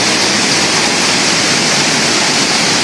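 The Iguazú Falls in flood, with seven times the normal amount of water after heavy rains in Brazil, roar in a steady, dense wall of rushing water, loud, with no pauses or other sounds breaking through.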